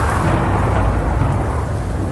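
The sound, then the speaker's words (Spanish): A heavy rainstorm with hail pours down in Quito, Ecuador, in a loud, steady roar, with a deep thunderous rumble running underneath throughout. No voices are heard. “Imágenes sorprendentes que dejan las fuertes lluvias registradas en Quito.”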